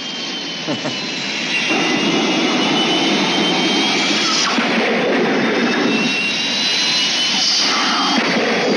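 Loud, continuous roar of an aircraft in flight, a broad steady jet-engine rush with a thin high whine running through it, swelling slightly after the first second and holding without pause.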